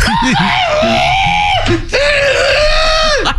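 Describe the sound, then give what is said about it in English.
A person imitates a rooster crowing: two loud, strained, high-pitched cries in a row, each held for over a second before the pitch drops off at the end. “Oh, I wouldn't be a great rooster.”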